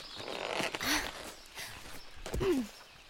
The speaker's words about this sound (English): Allow me to help you dismount your horse, milady. Thank you.